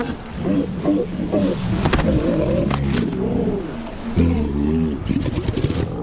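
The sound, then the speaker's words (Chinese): A herd of over a thousand bad-tempered female walruses, some weighing nearly 1000 kg, bellowing at a crowded nursery site on land: deep, overlapping groans and grunts form a steady, loud chorus, with some rising and falling calls standing out near the end. “在这脾气暴躁的上千头雌性海象中，有些个体体重近乎1000公斤，这让育儿场所的选择越发尴尬。”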